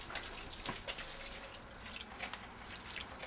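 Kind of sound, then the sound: household object, water running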